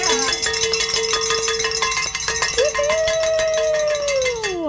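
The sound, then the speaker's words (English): A bell is rung in celebration of a fundraising goal being met, clanging rapidly and continuously for several seconds in a loud, jangling flurry of strikes, with a long sustained tone running beneath that rises midway and then slowly slides down at the end. “Grab some bell or something.”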